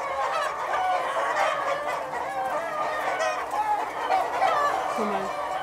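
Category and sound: animal, hens clucking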